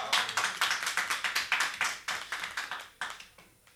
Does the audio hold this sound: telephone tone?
no